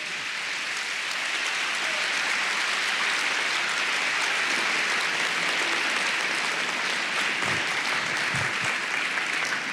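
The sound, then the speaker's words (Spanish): An audience applauds the Holy Spirit steadily, a dense, continuous wash of many hands clapping at an even loudness throughout, with no voices standing out above it. “Vamos, sáquese los guantes y aplauda en serio al Espíritu Santo.”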